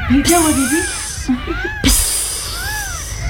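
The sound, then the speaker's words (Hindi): A snake hisses in two long, airy bursts, the second running to the end, while a wavering, voice-like tone rises and falls underneath. “सांप भी फुफकारा।”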